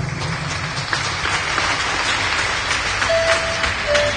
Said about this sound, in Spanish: Demos palmas a nuestro hermano.